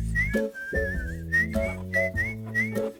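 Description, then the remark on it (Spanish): A clear, cheerful whistled tune with gliding notes in short phrases, carried over steady instrumental backing with a low, rhythmic accompaniment. “Era el sonido del silbido.”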